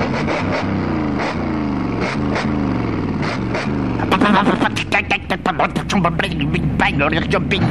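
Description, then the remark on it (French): An old motorcycle with a sidecar revs with a rising, wavering whine, then breaks into a rapid series of sharp sputtering pops as it speeds away at night toward the countryside, loud. “La vieille moto pétaradait dans la nuit noire.”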